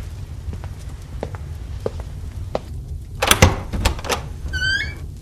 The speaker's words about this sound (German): als du die Tür eben geöffnet hast, woran hast du da gedacht?